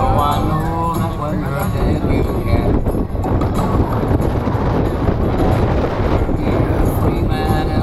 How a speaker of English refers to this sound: There we go. It's so windy.